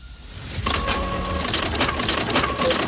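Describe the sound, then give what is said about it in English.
An office printer whirs and clatters continuously, with rapid mechanical ticking and a steady hum that grows louder after the first half second. No voices are heard. “Printer down? That's jobs delayed.”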